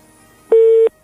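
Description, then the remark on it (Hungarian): A telephone busy tone as a listener's call into a live radio broadcast drops: a single loud, steady beep lasting about a third of a second, sharply cut off, with near silence before and after. “Megszakadt.”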